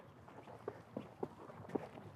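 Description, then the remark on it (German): About four quick footfalls thud on the ground in a short run-up before a throw, moderately loud, over a steady faint background hiss with no talking. “Und dann renne ich jetzt aber auch hier drauf zu. Genau, rennen.”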